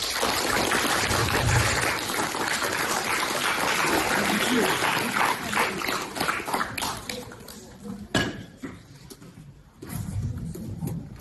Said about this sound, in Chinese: 那现在，让我们以热烈的掌声，有请呼伦贝尔市人民医院心理门诊主任